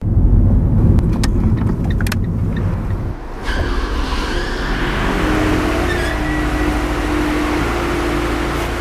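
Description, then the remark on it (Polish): A car engine rumbles, steady and low, as the vehicle drives up to the automatic barrier of a new multi-storey car park on Wschodnia Street in Łódź, Poland, rolling forward and stopping, with a few sharp clicks early on and a shift in tone partway through. “Wystarczy podjechać pod szlaban, a ten uniesie się automatycznie”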